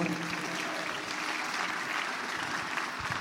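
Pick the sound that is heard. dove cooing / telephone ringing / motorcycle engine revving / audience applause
audience applause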